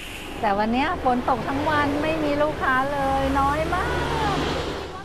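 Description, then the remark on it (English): Heavy rain pours down in Bangkok in a steady, dense hiss that fills the whole clip, while a person talks over it in a rising and falling voice. “it was very, very much raining.”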